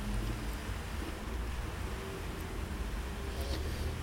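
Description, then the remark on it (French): A large yellow beverage delivery truck drives along boulevard Saint-Germain in heavy rain, rumbling with a deep, steady engine drone blended with constant low street and wind noise, holding at an even volume throughout with no voices. “Un gros camion jaune, livreur de boissons, prend le boulevard Saint-Germain.”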